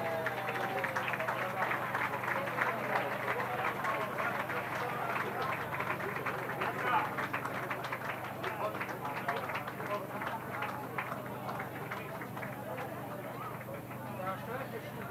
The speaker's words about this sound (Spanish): Fuerte el aplauso.